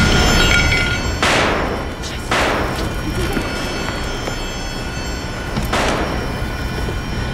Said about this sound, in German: Es sind Schüsse gefallen.